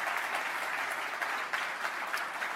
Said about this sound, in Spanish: Si le vale el aplauso, dáselo fuerte al Señor.